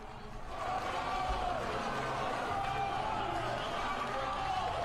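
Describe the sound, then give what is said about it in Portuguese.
People in Senegal clap steadily for several seconds after a law setting 10-year prison terms for same-sex relations is approved, a dense, even wash of applause that swells in quickly and holds at a constant level, with a murmur of voices mixed in. “Olha aí, batendo palmas, porque foi aprovado.”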